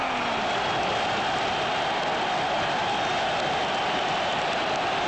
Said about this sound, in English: Australia with the advantage! The crowd! Just an absolute mountain of emotion. It is a Vesuvius!